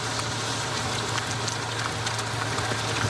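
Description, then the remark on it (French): Steady rain from a passing storm shower falls on riders during a cycling race stage, hissing across the whole clip, a dense, even wash with scattered sharper drop ticks and a faint low hum underneath. No voices are heard. “Oui, cet orage va-t-il accompagner longtemps les coureurs ? Ou s'agit-il d'une simple averse passagère ?”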